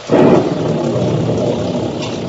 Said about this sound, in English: The squall engulfed us now. The rain was blinding when one couldn't tell where it ended and the ocean began.